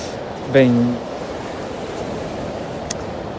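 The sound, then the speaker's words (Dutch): A steady, hissing wash of sea waves rolls on without pause, even in loudness, with a brief voice sounding near the start. “Nu moet je de zee wel leuk vinden.”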